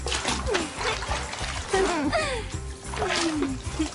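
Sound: water splashing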